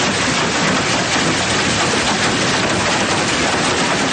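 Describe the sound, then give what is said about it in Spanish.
A dense, steady roar of hailstones pelting the metal roofs of parked cars in the town of Yécora, Álava, loud and continuous with no pauses, a rapid clattering wash filling the whole scene. “Un vídeo que se ha viralizado en las últimas horas, donde se escucha la tremenda fuerza, el sonido del granizo golpeando el techo de los vehículos que estaban aparcados en la localidad alavesa de Yécora.”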